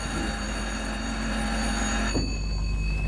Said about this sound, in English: The boy pressed a key. At the far end of the adjoining room, a bell rang.